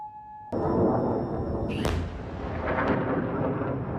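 A faint steady tone is cut by a sudden heavy blast as Kuwait's air defense systems intercept enemy missile and drone attacks. Another sharp boom follows, then a long, loud rumbling roar that keeps echoing.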